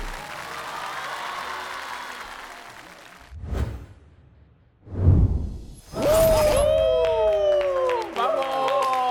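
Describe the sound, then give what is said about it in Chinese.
Steady audience applause for the dancers of the first piece of the evening fills the first few seconds, then fades into two low whooshing swells followed by a loud electronic musical sting with sliding, descending tones. “掌声给他们。”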